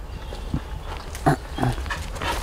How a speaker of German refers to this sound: Hundekenner denken bestimmt, was hat er denn, die spielen da einfach. Aber ich verstehe nichts von Hunden und kann die Situation nicht einschätzen.